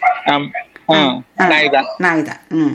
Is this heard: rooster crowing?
no